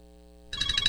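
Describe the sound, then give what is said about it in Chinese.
A steady low electronic hum gives way halfway through to a bright, pulsing ringtone of an incoming long-distance video call from a daughter to her parents, its warbling tones repeating in quick bursts, fairly loud. “咦，老婆，个女用视像打长途电话翻嚟。”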